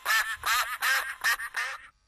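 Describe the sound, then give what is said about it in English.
Five raspy duck quacks in quick, even succession, loud, with no talking; the last one trails off into silence. The quacks introduce the character Duck in a children's English lesson. “I'm Duck.”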